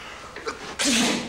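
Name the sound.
sneeze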